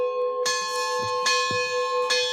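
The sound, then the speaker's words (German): Church bells ring out with a steady sequence of strikes, each blooming into a long, shimmering hum that overlaps the next. Fairly loud and full, with no voices. “Der Mönch Philimon wünscht sich, dass es wenigstens zu Pfingsten ruhig bleibt und ausschließlich der Klang der Glocken zu hören sein wird.”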